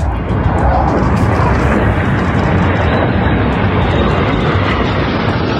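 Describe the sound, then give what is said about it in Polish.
A loud, steady roar of jet engines fills the whole stretch, continuous without breaks, as the first Polish F-35 fighter jets land on the airfield after a flight over Poland, at a ceremony handing them over to the Polish Armed Forces. No voices. “Na płycie lotniska po locie przez Polskę wylądowały pierwsze z polskich F-35.”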